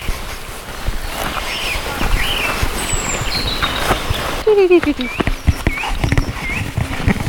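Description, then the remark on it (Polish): A Eurasian nuthatch gives a few bright, whistled 'twi-twi' calls amid other birdsong, while footsteps crunch steadily on a woodland path. “To on nie złapał, a mi się też taki twi-twi to był kowalik.”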